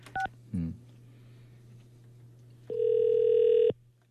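A couple of quick dialing beeps, then a single steady electronic ringback tone of an outgoing phone call to a radio show listener who has stopped their car, lasting about a second over a low background hum. No one speaks.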